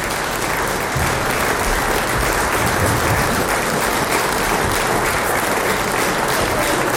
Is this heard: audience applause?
yes